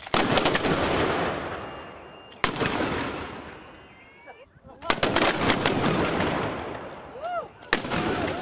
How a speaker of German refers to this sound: Danach gab es gleich zwei Salutschüsse zu Ehren des Fürsten. Zu Ehren Fürst Leopold, den Erst von Anhalt, Feuer!